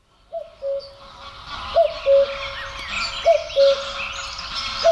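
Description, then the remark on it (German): A common cuckoo repeats its falling two-note call, a falling third, four times at a steady, unhurried pace, clear, while mallard ducks call softly in the background. “Schöne fallende Terz, der Kuckuck und da hinten, hinter ihm, unter ihm, über ihm rufen offenbar Stockenten.”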